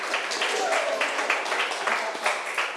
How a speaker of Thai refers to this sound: ในข้อนี้ตอบว่าถูกต้องค่ะนักเรียนเก่งมากปรบมือให้ตัวเองหน่อย